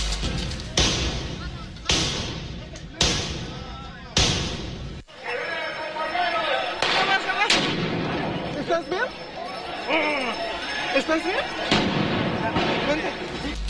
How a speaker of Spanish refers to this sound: La protesta subió de tono cuando un grupo de sujetos se dejó ver con tubos, palos y mazos mientras se registraba el lanzamiento de cohetones, petardos, polvo de extintores y objetos desde ambos lados de las vallas.